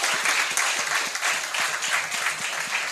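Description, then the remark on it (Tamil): An audience breaks into sustained applause, a dense, steady wash of many hands clapping at a fairly loud, even level for the whole stretch, with no voices standing out. “Fantastic, இத கை தட்டலாம்.”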